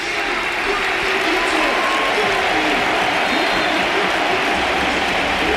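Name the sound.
stadium crowd ovation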